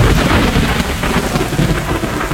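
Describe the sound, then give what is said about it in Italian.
A loud, steady downpour of heavy rain with deep rolling thunder rumbling underneath, filling the whole short stretch with dense storm noise and no voices. “La protezione civile ha per questo diramato l'allerta gialla per temporali in 4 regioni: Friuli, Venezia Giulia, Veneto, Emilia Romagna e Marche, dove le previsioni indicano anche forte vento, grandinate e fulmini.”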